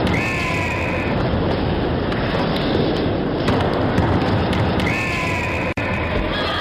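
A Fox 40 pealess referee whistle, made by Ron Foxcroft's Foxcroft International of Hamilton, Ontario, gives two shrill, steady blasts, one at the start and one near the end, cutting over a loud, continuous roar of crowd noise.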